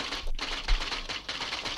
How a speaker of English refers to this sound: Now, it's time for me to do a bit of typing, as it's 7:44, and here we go, typing away, type, type, type, type.